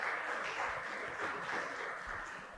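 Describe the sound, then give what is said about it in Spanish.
A church audience claps together for their Heavenly King in a dense, steady wash of applause, fairly soft, tapering slightly toward the end, with no voices over it. “¿Cuánto le damos ese fuerte aplauso a nuestro Rey Celestial?”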